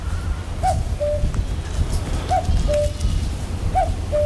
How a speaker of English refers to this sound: Colm Gavin and his territorial cuckoo, probably sent by the Moonagoes Wild team, who have their Dawn Chorus programme tonight.